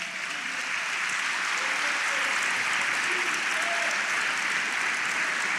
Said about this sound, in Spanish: Dele palmas al Señor.